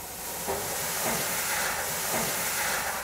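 Water pours steadily into the metal water bowl at the bottom of a vertical smoker grill, a continuous splashing hiss with slight gurgling swells, running unbroken for a few seconds with no voices.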